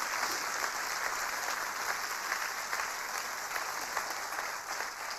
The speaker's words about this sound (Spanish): Vamos, aplauda más fuerte porque esto tiene sentido.